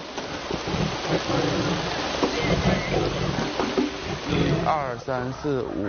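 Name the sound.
rain falling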